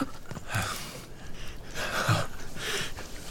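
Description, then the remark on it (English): Labored, wet-sounding rattling breaths of a dying man whose lungs are filling with fluid, about three heavy rasping inhales and exhales in slow succession, fairly loud, with no talking. “You hear his breathing. That rattling sound. It's because his lungs are filling up with fluid.”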